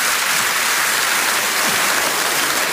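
A steady wash of audience applause for a man in the audience at a singer's show, many hands clapping together into a dense, continuous crackle that holds at an even, fairly loud level throughout, with no voices over it.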